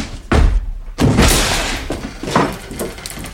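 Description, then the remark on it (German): A door is forced open: two heavy thuds, the second bursting into a loud splintering crash, followed by a few rattling knocks as it gives way. No one speaks. “Die Tür auf.”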